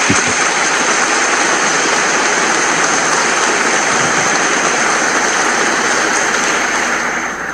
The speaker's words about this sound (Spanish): Estuvo con nosotros ayer en el Cauca y hoy nos acompaña en esta Santa Eucaristía. Yo le ruego que le brindemos nuestro aplauso de bienvenida a esta fiesta.